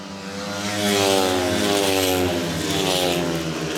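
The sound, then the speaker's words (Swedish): Speedway motorcycles race around the track in a heat between Lejonen and Dackarna, with Zerniak and Drabik leading for Lejonen into the third lap, their engines droning loudly and steadily with a rough, buzzing whine that swells slightly and holds throughout, with no talking. “Zerniak och Drabik leder för Lejonen in på tredje varvet. Lite följa John Speedway här.”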